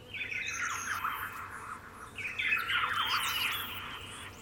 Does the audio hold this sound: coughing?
no